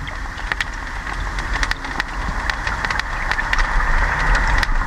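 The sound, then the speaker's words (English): Crayfish crackling underwater near silvery bubbles in a canal where it passes under a bridge: scattered sharp clicks and snaps pop irregularly over a steady, static-like hiss and a low continuous rumble, with no voices. “Around and about these silvery bubbles, where the canal passes under the bridge, there's a burning sound of crayfish.”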